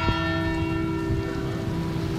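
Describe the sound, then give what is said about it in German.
The bells of the Pauluskirche in Hamm ring with a steady, sustained wash of overlapping metallic tones, loud, continuing evenly without pause and with no voices. “Genau, die Glocken der Pauluskirche.”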